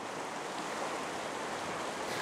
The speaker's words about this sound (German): Der Sturm drückt die Wassermassen weiter in die Flensburger Förde. Am Nachmittag steigt das Wasser immer weiter.